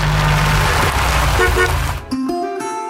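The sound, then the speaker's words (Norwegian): A car engine rumbles loudly for about two seconds, then cuts off as a bright car horn sounds in a couple of short toots. “Kjærlighet å lytte til hverandre. Også til bilen.”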